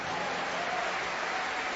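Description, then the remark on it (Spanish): An audience at a church service claps steadily for the Lord, a dense wash of many hands applauding together that holds at an even level throughout, with no voices standing out. “Denle mejor aplauso al Señor.”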